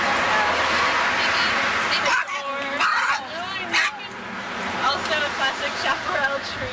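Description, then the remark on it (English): Several sharp dog barks and yips ring out outdoors in a chaparral area, scattered over a few seconds amid a busy background of murmuring voices and general ambient noise. “No, yeah, with the dogs like that.”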